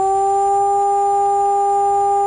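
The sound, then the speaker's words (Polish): A steady, unbroken siren tone holds at one pitch for the whole stretch, loud and unwavering with no rise or fall: the all-clear signal cancelling a civil-protection alarm, sounding alone. “Odwołanie alarmu to zaś dźwięk jednostajny.”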